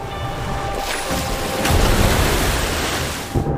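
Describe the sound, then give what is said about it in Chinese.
Ocean waves wash against the shore in a steady, loud hissing roar of surf that swells to a fuller crash midway, then slowly eases off. No voices are heard. “党日复一日地拍打着岸边，其威力不容小觑。”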